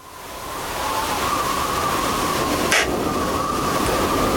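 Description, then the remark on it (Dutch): A storm sound effect: a steady, dense roaring rush of wind-like noise that swells in over the first second and holds, with a brief hissing gust partway through. No voices. “Heb jij nog even dat geluid van die storm?”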